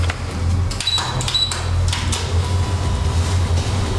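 A doorbell at the entrance of a political party's headquarters at number 16 rings in two short, high-pitched bursts over a steady low hum and faint background rustling; no one speaks and no one opens the door.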